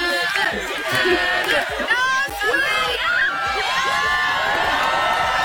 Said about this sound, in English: And you can hear them in the back there. They're just getting all loud, cheering her on.